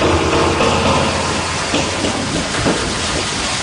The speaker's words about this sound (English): We're filling the tank. We just got the first bit of water going in.